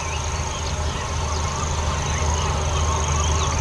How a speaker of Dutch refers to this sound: En de boerenzwaluwen, huiszwaluwen, schollexters, de lachende meeuwen.